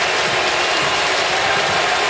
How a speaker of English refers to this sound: He stopped. Listen to the crowd going crazy for him, right?